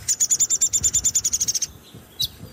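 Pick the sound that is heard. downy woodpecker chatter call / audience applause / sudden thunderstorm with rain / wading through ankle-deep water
downy woodpecker chatter call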